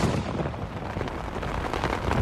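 Thunder rumbles low and steady with a heavy summer rain shower, a continuous rolling roar with a broad, noisy wash over it and no voices.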